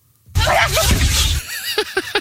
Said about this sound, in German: Dieser lebende Dinosaurier, diese Killermaschine, dieser Alligator, der niest, Achtung, so.